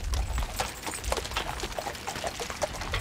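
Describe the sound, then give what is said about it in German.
Steady clip-clop of two heavy draft horses pulling a carriage over the seabed at low tide from Nordstrand to the Hallig Südfall, a regular rhythm of soft thuds over a constant low rumble and a wet, splashing hiss, with no one speaking. “Sie kennt die Strecke genau wie die beiden Kaltblüter.”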